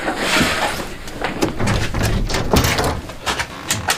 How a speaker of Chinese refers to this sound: 关了，关了，关了！ 啊，门门，我关门。